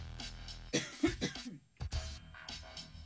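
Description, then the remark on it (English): Several harsh coughs come in quick bursts, then a brief pause and another sharp cough followed by throat-clearing sounds, loud with no talking. “Now I'm going to have sympathy coughs.”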